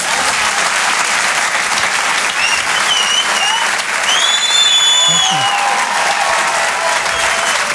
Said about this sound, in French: On peut l'applaudir très fort, Maxime Gasteuil, sur les chansons en direct depuis le Grand Point Virgule. Bravo Maxime.